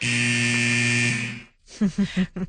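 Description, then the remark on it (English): A loud, sustained hockey arena goal buzzer blares for over a second with a harsh, steady drone at the end of a video filmed beside a hockey rink, then cuts off as a person begins talking. “So that iconic hockey buzzer at the end there.”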